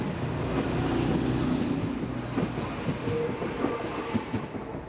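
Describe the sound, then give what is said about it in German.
A train rolls steadily along a railway line running through Slovenia and Italy, with a low, continuous rumble and rhythmic clickety-clack of wheels over rail joints, moderately loud, with no voices. “Seit mehr als 100 Jahren führt diese Bahnstrecke durch Slowenien und Italien.”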